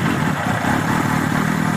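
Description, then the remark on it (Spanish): A motorcycle engine runs steadily at a constant, fairly loud level, its low rumble and rattly mechanical texture continuing without pause and with no voices present. “Cuando te eches a la carretera en tu moto,”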